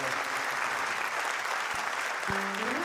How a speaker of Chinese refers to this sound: 感谢感谢大家的情掌声，我拢收到啊！谢谢大家。